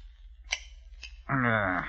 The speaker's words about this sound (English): placed them in a trunk, took out a pair of shears, and went to work.